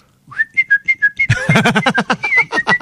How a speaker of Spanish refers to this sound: Siempre acuerdo la misma canción. Qué bello silba.